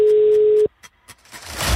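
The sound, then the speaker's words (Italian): A steady telephone ringing tone of a call to a listener's mobile phone sounds loud and clear for about two-thirds of a second, then cuts off abruptly, followed by a few faint clicks and a swell of rising line noise. “Chi vince se la canta entro il quinto squillo.”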